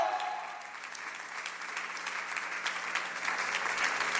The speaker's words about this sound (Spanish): ¡Aleluya! Sígale dando palmas a Jesucristo, porque Él es nuestra fuerza.